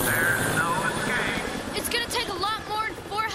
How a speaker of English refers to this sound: Give yourself up, fugitive guy. There are three other helicopters surrounding you at this very moment.